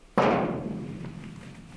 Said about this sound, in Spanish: así que decido acercarme a la puerta y volver a formular la petición. No quiero ser impertinente, ¿no? Pero por favor, ¿podrías dar un golpe en esta puerta como lo voy a hacer yo?